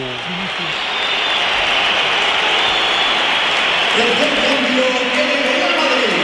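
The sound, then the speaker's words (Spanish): Dense, steady applause and crowd roar at a Champions League football match, with Mourinho applauding, fill the whole clip at high volume, with a man's voice talking over it in the second half. “Mourinho aplaudiendo.”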